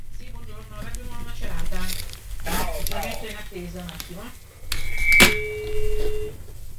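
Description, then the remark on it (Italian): A telephone rings briefly near the end in the Radio Nova studio during a live broadcast, a short electronic tone sounding over steady talk. Voices speak throughout, and the ring stays soft beneath them. “Il nostro telefono sta squillando.”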